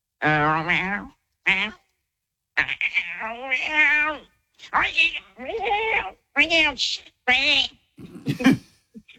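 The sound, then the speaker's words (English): A person imitates a cat, giving a string of about eight clear meows with rising and falling pitch, separated by short pauses, some drawn out and some clipped. “You can do the cat.”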